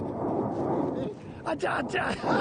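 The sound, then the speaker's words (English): Mount Etna in Sicily erupting and sending a massive ash cloud into the sky, with a dense, steady rumbling roar that fills the whole clip, while excited shouting voices break in over it during the second half. “She's called Mama, and she welcomed me with a giant belch that sent a massive ash cloud into the sky.”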